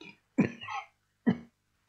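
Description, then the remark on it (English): Two short coughs a moment apart, the first a little longer and throatier, the second a quick single hack, with quiet between them and no talking. “Pardon me, I had a little cough just then.”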